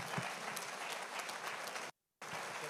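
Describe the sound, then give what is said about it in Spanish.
An audience applauds loudly for pastor Jimmer, a dense, even crackle of many clapping hands that cuts out abruptly for a moment near the end before resuming at the same level. “Denle fuerte ese aplauso a pastor Jimmer.”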